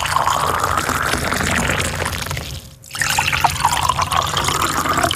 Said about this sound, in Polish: Wleję teraz wodę do dwóch kubków. Posłuchajcie. Do jednego wlewam wrzątek, do drugiego zimną wodę. Kolejność losowa.